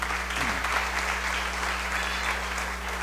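Steady applause from a group fills the whole stretch, a dense, even patter of many hands clapping at once with no voices standing out.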